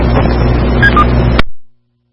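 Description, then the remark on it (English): Steady, loud rumble of street traffic in a residential neighborhood with a low engine drone and hiss, broken by two brief high beeps before the sound cuts off abruptly and fades to silence. “And, man, a lot of traffic in my neighborhood here.”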